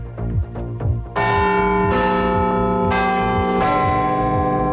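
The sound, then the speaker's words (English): The Big Ben clock bell chimes, striking four loud, resonant notes about a second apart, each ringing on with a long, shimmering sustain that overlaps the next. No one speaks. “And the Big Ben is said to have a new keeper. We'll bring you inside the world's most famous clock and its mechanisms.”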